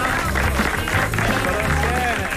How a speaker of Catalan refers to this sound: Un aplaudiment